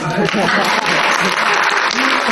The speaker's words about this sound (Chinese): 来两句， 来两句， 来来， 咱这鼓掌不太热烈。